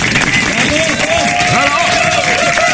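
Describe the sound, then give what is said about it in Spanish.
A steady wash of applause from a crowd, dense and continuous throughout, with cheering voices rising and falling over the clapping. “Fuerte el aplauso, señores.”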